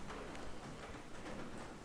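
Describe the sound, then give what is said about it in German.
Soft, steady rain patters on a roof, a continuous quiet hiss dotted with faint, scattered taps, with no voices present. “Der Regen plätschert leise auf das Dach, das hört man auch.”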